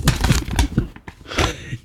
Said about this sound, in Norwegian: Ah, og nei, det var bare papir.